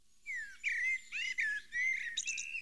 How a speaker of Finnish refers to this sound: Tuolla taustalla muuten on mustarastas, Etelä-Suomen lehtimetsien sulostuttaja.